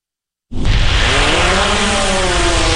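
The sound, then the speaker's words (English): A small military reconnaissance drone, of the kind the U.S. military fields for frontline ground troops, buzzes in abruptly after a moment of silence: a loud, steady, raspy motor whine whose pitch climbs slowly as it holds, with no voices. “military, which for years has been fielding small drones that let frontline ground troops see, for instance, what's over the next hill or inside a nearby tree line.”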